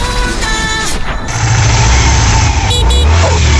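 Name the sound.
motorcycle engine passing by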